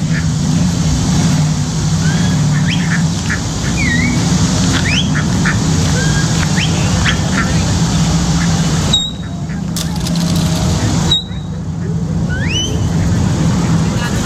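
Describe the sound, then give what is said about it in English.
Ducks quack in a busy, overlapping chorus of short calls throughout, set against a constant low rumble like an idling engine or road, with muffled voices in the background. “Oh, watch this. The ducks.”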